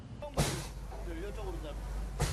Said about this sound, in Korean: 장어를 유인할 냉동 미끼를 잘게 부수는 소리. 미끼는 주로 멸치와 오징어. 한 번에 무려 500kg 정도를 사용한답니다.